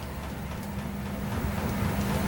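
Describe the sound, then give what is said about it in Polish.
A washing machine's spin cycle gathering speed: a steady low rumble with a humming tone and a broad whooshing hiss, growing slightly louder as it goes, with no voices. “To chyba będzie drugie wirowanie, to jeszcze... Tak. Ale można posłuchać, jak ona się rozpędza.”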